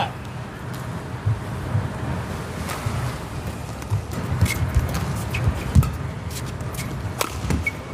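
Sharp, cracking badminton racket-on-shuttlecock hits, including a hard smash, punctuate a steady wash of arena crowd noise during a match. The snapping impacts come irregularly.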